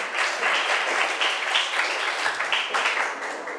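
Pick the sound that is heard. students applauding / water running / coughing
students applauding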